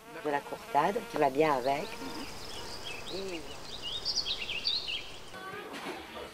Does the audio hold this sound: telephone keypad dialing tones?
no